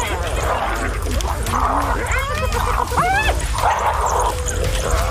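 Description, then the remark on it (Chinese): A pack of wild dogs, being taunted by a dog named Tony, lets out a burst of high, sharp yips and yelping barks, several quick calls clustered mid-clip over a steady rumble of background noise, with a voice talking throughout. “现在他冒险发起进攻，他一直在挑衅野狗群。”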